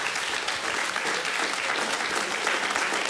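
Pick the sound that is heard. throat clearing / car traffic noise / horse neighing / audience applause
audience applause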